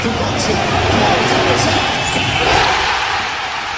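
A large crowd at a Knicks basketball watch party at Madison Square Garden roars and cheers continuously after Jalen Brunson's corner three late in the fourth quarter, a dense wall of shouting and excitement that swells slightly midway and holds loud throughout, with occasional thuds beneath the din.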